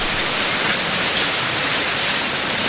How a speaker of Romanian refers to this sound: Dar ploaia nu se lăsă.